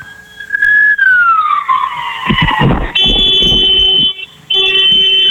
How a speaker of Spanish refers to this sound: Ok, hermano, déjame contarte nada más. Necesito que me regales dos bocinazos largos. Sí, claro. Hola. ¿Qué fue eso? Mis bocinazos.